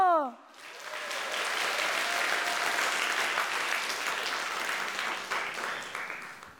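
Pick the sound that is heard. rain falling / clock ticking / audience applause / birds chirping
audience applause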